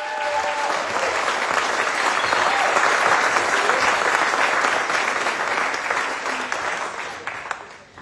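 Sustained audience applause, a dense, steady clatter of many hands clapping at an even loudness for about eight seconds before easing slightly at the end.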